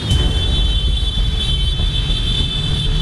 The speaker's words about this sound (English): This is your departure car traffic. As long as it's a long weekend, this kind of traffic. It may look bad, but this is not the worst yet.